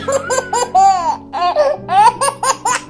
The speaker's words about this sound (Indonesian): Dengarlah suara bayi Papua, suara bayi Kalimantan, suara bayi Sulawesi, suara bayi Jawa,